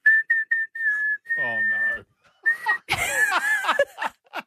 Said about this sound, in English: I can do a fantastic whistle to ….